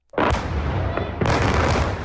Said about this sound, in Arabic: عادت أصوات الانفجارات القوية لتهز العاصمة الأوكرانية كييف في ساعات الصباح الأولى، معلنة استئناف الضربات الجوية الروسية عقب انقضاء هدنة ميدانية دامت ثلاثة أيام.